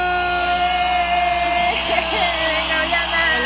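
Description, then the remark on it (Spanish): An audience applauding and cheering to welcome a woman who is the media manager of the Tianguis Agroecológico de Jalapa, a steady wash of clapping with scattered whoops and shouts rising over it, fairly loud and continuous throughout the few seconds. “Directamente del Tianguis Agroecológico de Jalapa, recibamos con un aplauso a una mujer que le gusta trabajar difundiendo el trabajo de la comunidad, la responsable de medios del Tianguis Agroecológico de Jalapa,”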